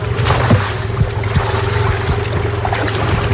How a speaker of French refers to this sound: Tire la corde là. Et là on va caler, là on va jeter le filet. Attention.